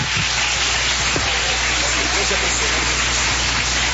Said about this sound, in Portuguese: Palmas bem fortes para Jesus.